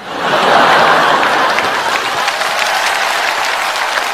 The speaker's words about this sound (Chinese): 掌声不能叫掌声。 那掌声得叫 天雷。